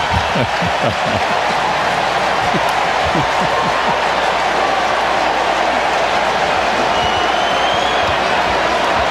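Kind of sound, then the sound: vehicle, jet planes flying overhead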